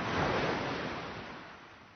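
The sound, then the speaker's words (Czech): A wave washes up on the shore with a broad, hissing rush that peaks early and then slowly recedes. No voices, just the steady roar of surf fading away. “Co tě tady táhne pořád sem? Na mořský břeh?”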